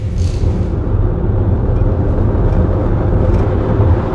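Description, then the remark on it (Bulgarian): Steady, loud low rumble of a car cruising along the Struma motorway at kilometre 43, heading toward Greece, a continuous roar of engine and tyre noise with no breaks and no voices. “Движим се по автомагистрала Струма и се намираме на 43-я километър от трасето.”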